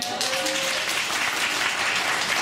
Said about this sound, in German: Wer leidet hier so ein bisschen unter Winterdepression? Mit einem Applaus.